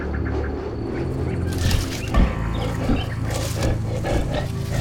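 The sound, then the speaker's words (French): A lion roars in deep, rumbling bursts that swell and fade several times, loud over a steady wash of outdoor background noise, with no voices. “Ma foi, un lion.”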